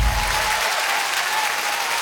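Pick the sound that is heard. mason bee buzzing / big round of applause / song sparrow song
big round of applause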